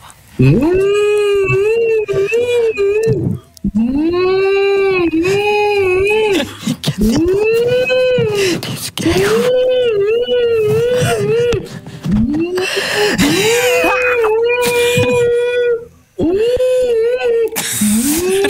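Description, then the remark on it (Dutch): A human voice imitates whale calls while telling a joke about two whales in a café, making long, loud moaning sounds that swoop up and down in pitch, repeated almost continuously with only brief pauses. “Twee walvissen zitten op café. Zegt de ene walvis tegen de ander...”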